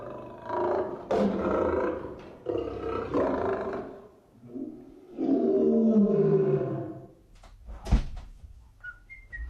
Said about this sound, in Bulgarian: Трябва да ви обясня звънците в този апартамент. Направени са от фирмата Ебер Крампи и Фич. Записи от истински рев на зверове. Хиената е звънецът на задната врата. Звънецът на парадния вход е рев на лъв.